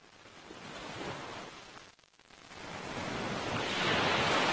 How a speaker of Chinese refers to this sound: 对游泳者来说，海浪与礁石碰撞的地方是最危险的水域，而对加州海狮来说，这却是他们的自由王国。